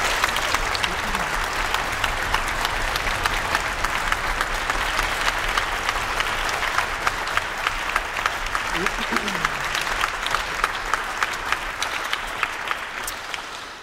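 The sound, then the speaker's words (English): Sustained applause from a large audience for the jury of the Clarinet Carl Nielsen International Competition, a dense, even patter of many hands clapping at steady loudness for the whole stretch, with faint voices murmuring underneath. “Let's give them a round of applause.”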